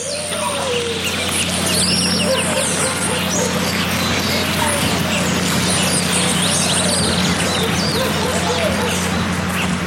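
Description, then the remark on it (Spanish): A dense chorus of birds chirps and calls continuously through a jungle, with a parrot chattering from a tree branch, overlapping high tweets over a steady low hum of forest ambience. “Buscando la quebrada que nos llevara al balso adecuado, nos íbamos adentrando a un territorio selvático acompañados por el cantar de las aves y el parloteo de un loro asomado en la rama de un árbol posando su mirada hacia nosotros.”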